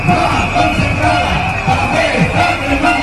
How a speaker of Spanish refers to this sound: Más protestas, estas al grito de la concertada está quemada.